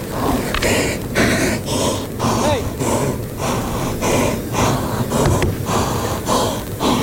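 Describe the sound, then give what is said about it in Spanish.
A fighting bull snorts and breathes heavily during a bullfight, loud rhythmic blasts of air coming roughly twice a second over a murmur of background voices. “Mucha voz. Respiración,”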